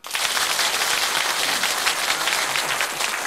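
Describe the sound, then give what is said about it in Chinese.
An audience breaks into steady applause, a dense wash of many hands clapping at an even, fairly loud level for a few seconds with no voices over it. “好，请大家鼓掌。”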